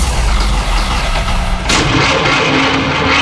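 A car engine cranks with a loud, rough, rumbling churn that shifts abruptly partway through, as if catching and then faltering, with no one speaking.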